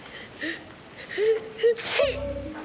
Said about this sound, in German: Alles okay? Ich werde krank. Du hast nur geniest. Wenn man niest, dann wird man krank.